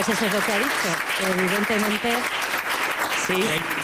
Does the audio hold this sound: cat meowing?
no